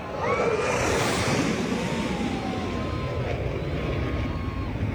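A low-flying Blue Angels military jet roars past a crowd at a Florida beach, low over the water, its loud, steady rumble carrying a thin whining tone that slowly drops in pitch, blended with wind and crashing surf.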